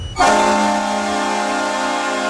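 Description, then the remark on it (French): The goal horn at the Saddledome in Calgary, the hockey arena of the Calgary Flames, blares in one loud, sustained blast, deep and brassy with rich overtones, starting abruptly and holding steady until the end. No one speaks. “C'est la dernière saison pour entendre cette sirène de but au Saddle Dome de Calgary.”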